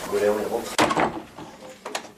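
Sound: door being closed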